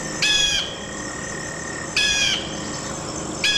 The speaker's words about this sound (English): The bald eagle.